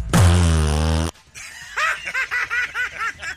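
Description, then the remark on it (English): A loud, buzzy fart from an elderly man blasts for about a second aboard a plane still at the gate, then stops abruptly and gives way to a run of rhythmic, breathy snickering laughter. “He wouldn't have farted all over everybody.”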